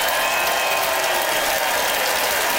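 An audience in London votes by applause in support of an argument for buying on Facebook Marketplace, a dense, continuous crackle of many hands clapping at once that holds at a fairly loud, even level with no voices over it.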